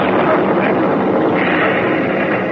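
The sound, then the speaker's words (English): A steady, loud roar of warplane engines fills the air, a dense continuous drone that barely varies in level, as the planes keep coming in to start bomb runs, attacking in waves to keep ships from reaching the coast of Italy. “They're still coming. Those planes are going to start bomb runs.”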